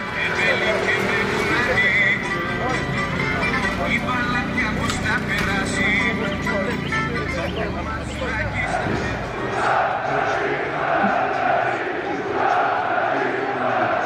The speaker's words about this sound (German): Im Stadion 30.000 Zuschauer, die Paok-Fans singen in einem durch.